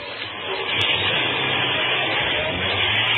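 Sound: car driving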